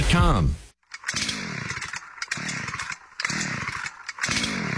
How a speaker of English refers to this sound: The old chainsaw not starting?